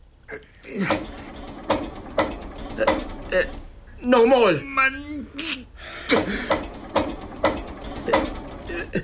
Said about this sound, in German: Nee, smiet den Motor an.